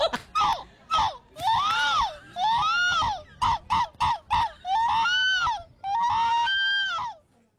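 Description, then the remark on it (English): A voice imitates seagull cries: a run of short sharp yelps building into long, rising-and-falling wailing calls, repeated in bursts over about seven seconds, loud and with no other sound. “I think it's a human sounding like a seagull.”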